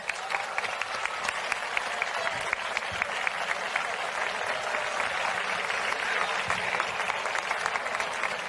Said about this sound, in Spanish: Y ahora sí, anunciamos la mujer que desde hoy será la máxima representante de la Feria del Carmen y de la Sal 2026. Recibimos, por favor, con un fuerte aplauso y con todo nuestro cariño